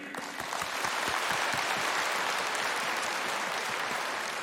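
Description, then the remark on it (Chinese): Sustained applause from a large crowd at the 29th TV Arts Starlight Awards ceremony, paying tribute to a land and its people: a dense steady clatter of many hands clapping at even loudness for several seconds, with no voices over it. “我想我们应该用最热烈的掌声向这片热土和这片热土上的人民致敬。”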